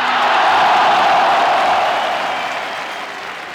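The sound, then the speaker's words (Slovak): A large crowd at a rally applauds steadily after a passionate speech by actor Marián Labuda, a dense wash of clapping with faint cheers mixed in, loud at first and easing off slightly toward the end. “Do varu uviedol dav svojim vášnivým prejavom herec Marián Labuda.”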